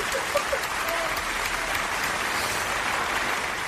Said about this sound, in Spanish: Un aplauso, por favor.